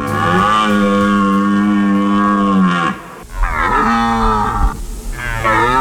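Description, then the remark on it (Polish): A red deer stag roars during the autumn rut in the Tatra Mountains, calling females and driving off competitors: two long, deep, moaning bellows with rich harmonics, the first held steady for about three seconds, the second rising and falling, loud and with no talking. “Niedźwiedzie, no nie ryczą o tej porze roku, raczej wypasają się, a teraz jelenie mają swoje gody i samce jelenia ryczy na rykowisku, przywołując samice i odganiając konkurencję.”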